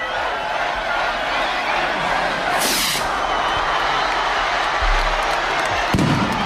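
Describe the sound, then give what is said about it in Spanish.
Festival rockets launched at midday in Tafalla and Burlada, Navarra, announcing the start of their patron saint festivities, go off over a steady crowd murmur: a sharp hissing whoosh, then a couple of deep, booming bangs near the end, while people cheer and chatter throughout. “Cohetes que han anunciado que Tafalla y Burlada están de celebración.”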